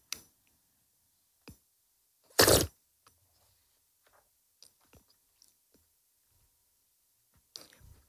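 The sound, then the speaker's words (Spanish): Faint clicks of a glass of water being handled and swirled, as in a wine tasting, during a live water tasting, then a single short, loud slurp of a sip, followed by scattered small mouth and glass noises in near silence. “Está moviendo el vaso, como cuando lo agitamos cuando hacemos una cata de vino.”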